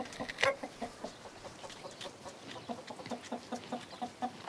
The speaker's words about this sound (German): Morgens geht's erst einmal zu den Hühnern. Ein Mix aus dänischen und deutschen Legehennen.